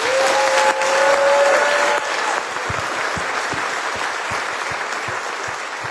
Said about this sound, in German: Ich würde sagen, die hat sich einen fetten Applaus verdient, oder?